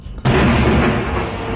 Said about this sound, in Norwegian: NRKs korrespondent Fredrik Tombra ble vekket av voldsomme drønn midt på natten.